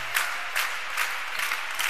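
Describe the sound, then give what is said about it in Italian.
A crowd of fans cheers and claps in a steady rhythm urging on player Roberto Buongiorno during a match, with Valdiano leading 15-6, loud surges about every half second over a continuous roar. No one speaks clearly. “Roberto, buongiorno, incitato dai tifosi.”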